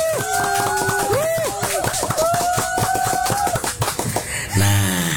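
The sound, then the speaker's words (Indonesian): An audience claps in a dense, steady burst for several seconds to welcome the Cita Bangsa library in Brebes, while a sustained melodic tune plays over it; the applause thins out and a voice begins at the end. “Mari kita beri tepuk tangan yang sangat meriah.”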